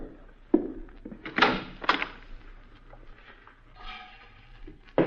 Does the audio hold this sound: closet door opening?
yes